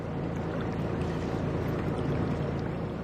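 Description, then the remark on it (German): A boat motors steadily along the Rhine on a one-hour trip from Budenheim to Mainz, carrying 26 mourners to a burial site. Its low engine hum and rushing water form a continuous, fairly loud drone with no voices. “Die Angehörigen sind in Budenheim an Bord gekommen und dann eine Stunde mit dem Boot zum Ort der Beisetzung gefahren, nach Mainz.”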